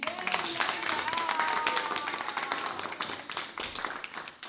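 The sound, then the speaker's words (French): Steady applause from a sizable audience fills the whole stretch, dense overlapping claps at a constant level, with a faint whistle or cheer rising briefly in the middle. “Nous pouvons applaudir Yacine.”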